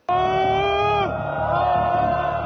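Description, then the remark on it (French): A dense crowd shouts in protest on Ali Khani square in Isfahan: a loud, sustained high-pitched yell bursts out and holds for about a second, then falls away into a steady, dense roar of many voices. “Sur cette vidéo, publiée quelques heures avant les exécutions, une foule compacte se révolte sur la place Ali Khani à Ispahan.”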